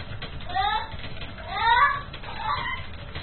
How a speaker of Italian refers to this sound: Gatto.